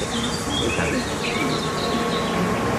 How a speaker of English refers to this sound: Oh, we have another bee. Yeah, another bee that got stuck in the honey there.